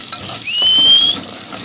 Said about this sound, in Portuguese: O boiadeiro ainda há pouco tava ali fritando uma carninha de porco ali. Aquecendo uma carninha de porco, ó.